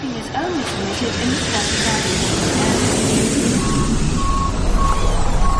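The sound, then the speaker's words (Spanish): Busy airport ambience: a steady wash of engine and vehicle rumble, faint voices early on, and a reversing vehicle's evenly spaced beeps sounding near the end. “La atmósfera sonora de un aeropuerto engorda.”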